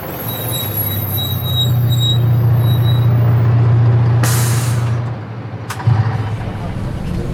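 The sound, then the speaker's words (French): A bus rumbles up with a deep, steady engine drone, then its air brakes release a loud, sharp hiss, followed moments later by a second short burst of air. “Bon, je suis désolé, je dois vous laisser. Mon bus va arriver.”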